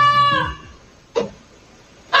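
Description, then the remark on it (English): A pet goose in Texas honks loudly three times, alerting a family to a barn fire: a long, harsh call first, then two short, sharp blasts spaced about a second apart, with no talking. “A pet goose in Texas is getting credit for saving a family's life after it alerted them to a barn fire.”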